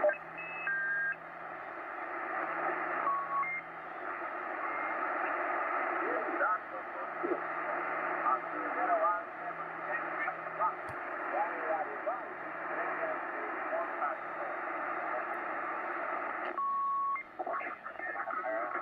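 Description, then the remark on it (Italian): A shortwave broadcast received in sideband mode: a distorted, oddly pitched voice comes through band-limited static, with a steady whistle running underneath for the whole stretch. “Ecco, quando sono in banda laterale e sento la stessa cosa, cioè questa voce un po' strana, con un fischio in sottofondo, allora sto ascoltando sicuramente una stazione broadcast.”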